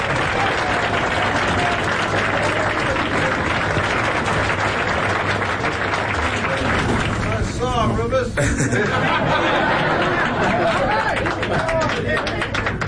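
A large crowd applauds steadily and loudly for the whole stretch, dense clapping mixed with cheers and the murmur of many voices chattering, with no pause in the noise.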